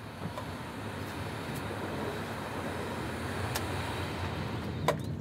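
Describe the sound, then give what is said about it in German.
A steady rumble of a work train rolling along the rails as the track curves right toward the Friesenbrücke, with a few sharp clicks and a brief metallic squeal near the end. No voices. “Rechts schwenkt das Gleis zur Friesenbrücke, da muss der Zug gleich rein.”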